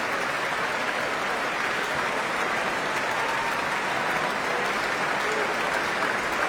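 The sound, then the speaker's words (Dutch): Sustained, dense applause from a large audience at the Concertgebouw concert hall in Amsterdam at the end of an orchestral concert as the full orchestra stands, a steady wash of many hands clapping at an even level throughout, with no voices standing out. “En wat een applaus, wat een succes, wat een mooie avond.”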